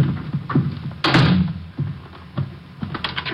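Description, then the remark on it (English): A door shuts with a solid thud, followed by a few lighter clicks and taps as it is locked. No voices. “I'm locking the door.”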